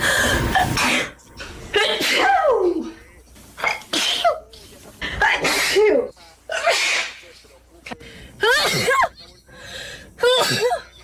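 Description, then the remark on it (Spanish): A woman sneezes again and again, about seven loud, voiced sneezes in a row, each a sharp burst with short pauses between them. “Ya, ¿Es ella misma estornudando?”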